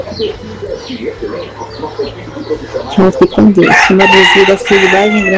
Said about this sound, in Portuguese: Tá certo, o galo tá afinado, hein?